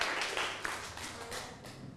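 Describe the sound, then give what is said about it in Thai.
A group of students clapping together to open the second exhibition, a steady dense patter of many hands with no single beat, fairly even in loudness throughout the two seconds, with no talking over it. “เพื่อเป็นการเปิดโลกนิทรรศการครั้งที่2นักเรียนต้นทางพร้อมไหมครับ พร้อมแล้วค่ะ และนักเรียนปลายทางพร้อมไหมครับถ้าพร้อมแล้วขอเสียงปรบมือให้กับการเปิดโลกนิทรรศการต่อเลยครับ”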